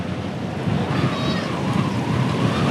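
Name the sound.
strong wind blowing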